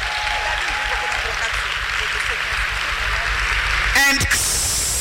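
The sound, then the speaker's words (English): An audience claps steadily as a clap offering to Jesus, a dense, sustained, loud wash of applause, with a brief sharp burst of noise near the end. “Give a better clap offering unto Jesus.”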